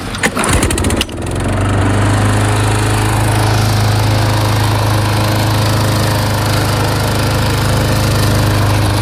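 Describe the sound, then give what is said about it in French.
A lawn mower engine sputters briefly, then catches and runs steadily at a loud, constant drone, with no voices, as it mows a village football pitch. “Voilà, vous l'entendez, les bruits de tondeuse, le but, pouvoir à nouveau accueillir une équipe de foot gorzienne sur ce terrain, car depuis le Covid, il n'y a plus aucune équipe de foot dans le village.”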